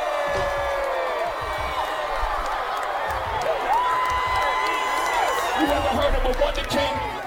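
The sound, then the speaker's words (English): A concert crowd cheers steadily throughout, a dense roar of voices with high-pitched whoops and screams rising and falling over the top, loud and sustained with no pause. “The crowd loved that one.”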